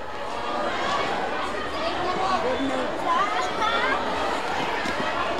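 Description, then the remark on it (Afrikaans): A big stadium crowd outside celebrating after the match between Bridgestone and Morrester: a dense, steady wash of many voices chattering and calling out together, fairly loud and unbroken for several seconds. “soos u self kan hoor aan die buitenkant as die skare hardbeser om feest te vier.”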